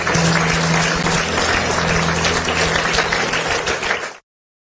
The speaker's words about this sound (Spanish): Demos un aplauso de acción de gracias por esta salva.